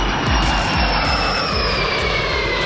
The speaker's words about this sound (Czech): Poslední okružní let nad Českem. L-39C Albatros v šedé barvě se žlutým čumákem v doprovodu dalších dvou proudových letounů vzlétl v Pardubicích.